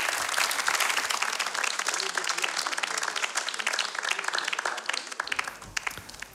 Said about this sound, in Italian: Eccoci dunque, lasciamo spegnersi gli applausi in sala A dal pubblico che ha assistito a questo nuovo appuntamento di Voci in Barcaccia Largo ai Giovani, il concorso di voci nuove di Radio 3